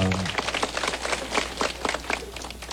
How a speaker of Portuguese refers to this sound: salva de palmas ao, ao bom Jesus da Lapa.